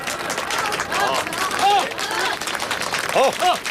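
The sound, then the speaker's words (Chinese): A crowd of villagers claps steadily for a few seconds, welcoming a candidate to give his village election campaign speech: a dense patter of hands with scattered voices calling out and chattering over it, holding at a fairly even loudness throughout. “鼓掌欢迎。”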